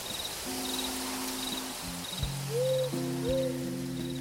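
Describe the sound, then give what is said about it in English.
A burrowing owl gives soft, low cooing hoots, a couple of rising-and-falling notes near the end, over a steady background of chirping crickets and faint insect noise. “Do you know about the burrowing owl?”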